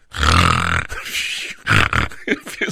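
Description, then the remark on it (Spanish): A person imitates snoring: one long, loud, raspy snore is followed by a series of shorter, choppy snorting bursts, with no words in between. “No es que yo ronque, nomás quiero hacer el ruido como que yo ronco.”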